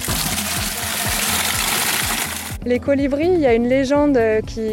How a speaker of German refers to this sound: Manchmal stehen auch weiße Wagen so mit Wasserkanistern am Straßenrand. Und diese Französin nimmt sich gleich zwei Gießkannen voll.